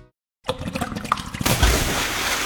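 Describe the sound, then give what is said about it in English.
Water splashes and churns after a brief silence, then surges into a louder, steady, forceful gushing rush that fills the rest of the moment: water backing up from a clogged drain during a heavy rainstorm. “One clogged drain, one heavy rainstorm. That's all it takes. Water backup doesn't knock, it invades, destroying floors, documents, computers, office space.”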